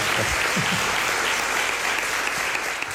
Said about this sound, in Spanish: Jesús Callejo, como siempre, te llevas este aplauso. Muchísimas gracias por habernos ayudado a hacer un poquito más.